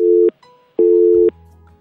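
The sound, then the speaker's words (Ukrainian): A telephone busy signal on an incoming listener call to a radio programme that could not be taken: two loud, steady electronic beeps of equal pitch, each about half a second long with a short gap between them, heard alone. “Не вийшло в цей раз прийняти телефонний дзвінок.”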